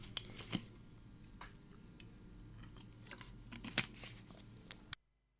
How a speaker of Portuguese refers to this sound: Deixa lá beber água um pouco.